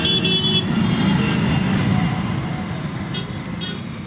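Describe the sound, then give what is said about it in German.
Busy street traffic in a large Indian city with a steady, heavy engine rumble, broken by short, high-pitched car horn toots at the start and again near the end. No one speaks. “Wer den Verkehr in indischen Großstädten kennt, der weiß, welche Abgaswolken über den Straßen aufsteigen”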